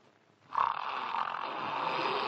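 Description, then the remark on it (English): A man snores while asleep, one long, rough, rattling breath that starts abruptly after a brief silence and keeps going steadily loud to the end, with no talking. “Oh, no, he's asleep again.”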